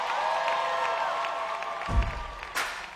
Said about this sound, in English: Put your hands together, come on. I see y'all clapping, come on.